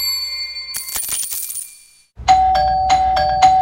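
A loud doorbell rings several times in quick succession, its bright chimes repeating over a steady ringing tone, after a brief burst of metallic clattering and a moment of silence.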